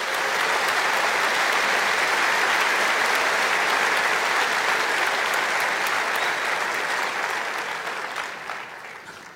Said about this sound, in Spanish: Dar un aplauso a Jesús.